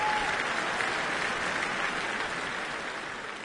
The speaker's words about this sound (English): They turn to salute the audience behind them before turning once more to take the applause.